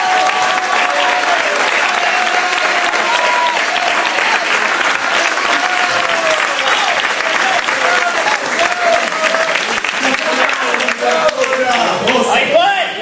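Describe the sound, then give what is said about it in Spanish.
A large audience applauds steadily for about thirteen seconds, a dense, loud wash of clapping with a few voices calling out underneath and occasional cheers rising near the end. “Pero el día, aleluya, que voy a aplaudir por algunos que lo pueden.”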